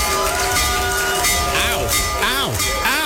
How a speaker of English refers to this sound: All right, it's loud. There it is. So he's ringing the bell, and there's kids like next to the bell, and I'm thinking, man, that hurt me.